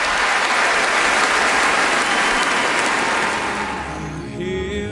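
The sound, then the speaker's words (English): A large audience at the Royal Albert Hall applauds loudly and continuously as Sir David arrives as guest of honour at a concert celebrating his 100th birthday, a dense wash of clapping that tapers off near the end as music begins to come in. “The applause said it all.”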